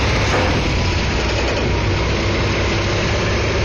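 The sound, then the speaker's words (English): A heavy semi truck engine rumbles steadily, a loud, constant low drone with broad noise over it, as 18-wheelers arrive on a Thursday morning at the Capitol grounds construction site in West Virginia, delivering a transportable Ferris wheel. The sound holds even throughout, with no voices. “Truck by truck, the America 250 wheel began arriving Thursday morning. It will take 10 18-wheelers and a dozen men to assemble this 700,000-pound ride.”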